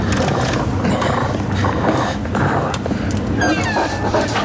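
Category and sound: animal, wolf growling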